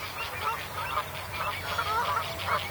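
Avocets and lapwings call over and over in an agitated chorus of overlapping sharp cries, defending avocet chicks against crows at Moordhuizen on the Maas, Gelderland, Netherlands, as mute swans fly over, with a low steady rumble beneath and no voices.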